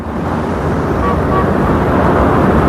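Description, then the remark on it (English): A steady, fairly loud rumble of a car driving through traffic behind a Jaguar and turning left, with continuous road noise and engine drone throughout and no voices. “He is driving behind her Jaguar. She turns left. He follows.”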